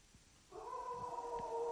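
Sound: dog howling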